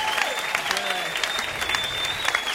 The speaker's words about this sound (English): How about a round of applause for everyone that you've seen tonight, huh?